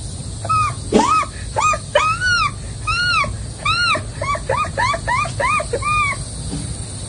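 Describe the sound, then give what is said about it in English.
A voice imitates an American herring gull call, producing a rapid series of loud, nasal, arching yelps that start with a long wail and break into quicker repeated calls. “And next, the herring, the American herring gull.”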